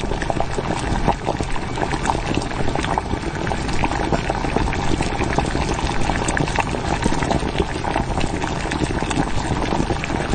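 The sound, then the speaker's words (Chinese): Caramel-colored braising broth with angelica root, bay leaves and dried chilies bubbles and simmers steadily in a pot, a dense, continuous gurgle with soft pops and crackles, fairly loud throughout, with no voices. “糖色汤汁已经调好，肘子下锅”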